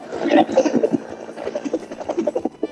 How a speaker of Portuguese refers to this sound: Olha. E tu tá de helicóptero, é filho da gota? Olha.